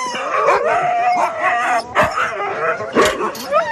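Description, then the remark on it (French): A pack of sled dogs, jumping with joy and eager to go running, barks, yips and howls excitedly all at once as only two of them are chosen, a dense overlapping chorus with sharp bark bursts punctuating sustained howls, loud throughout. “Bon, bah, vous avez fait des jaloux parce qu'on a choisi que deux chiens.”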